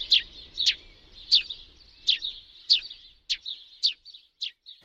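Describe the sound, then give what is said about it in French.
A Eurasian tree sparrow gives a series of sharp, repeated chirps, roughly ten of them at an uneven pace, clear with no one talking. “Le moineau friquet a disparu du canton de Genève, c'est ce que vous nous dites?”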